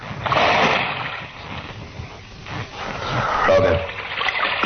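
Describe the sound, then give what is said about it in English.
A person drops down into dark, waist-deep water with a heavy splash, followed by sloshing and churning water, with a second burst of splashing toward the end and faint voices mixed in. “You drop down there first. I don't know how deep the water is.”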